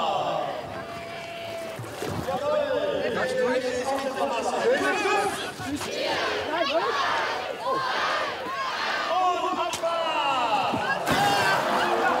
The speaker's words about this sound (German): Boote zu Wasser!